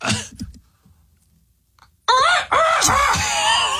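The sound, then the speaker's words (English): After a short murmur and a pause, a person loudly imitates a seagull call, a strained, squawking series of rising and falling cries lasting a couple of seconds. “Okay, hit me with the seagull.”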